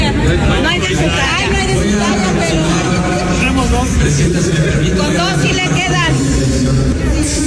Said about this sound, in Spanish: Adelante, vamos a escuchar más panismo gritando, póngansela de Rocha Moya. Adelante.